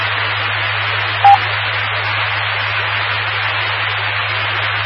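Two radio stations calling in their call signs transmit at the same time, colliding into a steady wash of garbled static over a low hum, with a short, sharp tone poking through partway, and no intelligible speech.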